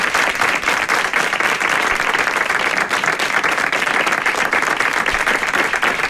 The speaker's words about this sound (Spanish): Un aplauso para vosotros, por favor.